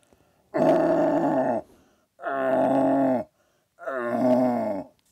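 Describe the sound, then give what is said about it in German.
Three long, groaning roars from a man, a several-time Vorarlberg deer-calling champion, imitating a young stag's rutting call, each about a second long with short pauses between, loud. “Er spielte mal vor, einen jungen Hirsch. Und jetzt der junge Hirsch und nachher der Blatthirsch.”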